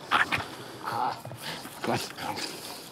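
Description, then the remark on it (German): A young 19-month-old Heideterrier, a certified explosives-detection dog of the German Federal Police, whimpers in high, thin whines broken by a few short, sharp barks, moderately loud, with no talking. “Jetzt ist erst einmal Erholung angesagt, bevor der 19 Monate alte Heideterrier zum ersten Einsatz kommt.”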